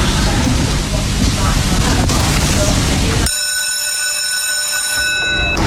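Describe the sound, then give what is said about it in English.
The mechanical hare at Dunstall Park greyhound track runs along its rail at the start of race 7, with a loud, steady rushing rumble for a few seconds, then cuts to a high, sustained metallic ringing tone. “So the hare is on the move for race 7 at Dunstall Park.”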